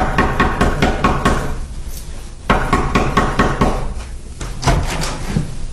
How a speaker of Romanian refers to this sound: Domnule, cum puteți să bateți așa într-o ușă? Sunteți nebun?